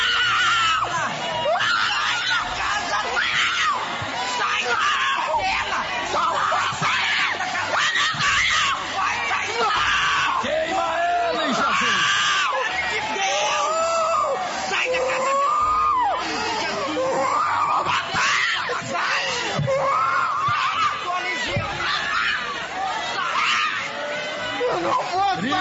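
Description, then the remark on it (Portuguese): An audience shouts and screams together for Jesus to burn, in a loud, continuous roar of many overlapping voices, sustained and chaotic throughout, with shrieks rising above the crowd noise. “Vai gritando para Jesus queimar, meus irmãos.”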